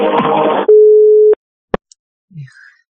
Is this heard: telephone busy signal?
yes